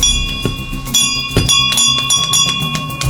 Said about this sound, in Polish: Gdy dowiedziałam się, że jest taka inicjatywa dzwonów zwycięstwa, nie ukrywam, że moim takim marzeniem było, aby ten dzwon zawisł właśnie na tym oddziale, ponieważ sama miałam okazję tutaj przebywać